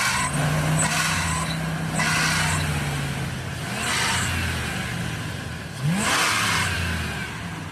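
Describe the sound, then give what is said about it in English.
A van's engine idles loudly, then revs sharply a few times with rising pitch, the bursts of whine and roar swelling and falling with no one talking. “It's just when the engine's really rev?”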